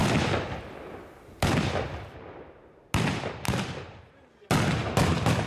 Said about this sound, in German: Böllerschüsse zum 76. Geburtstag. Die Mienberger feiern das Jubiläum ihres Bahnhofs.